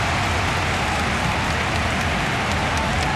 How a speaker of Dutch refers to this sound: Nog altijd een lichte regen. Daar beneden op het veld. In Islington.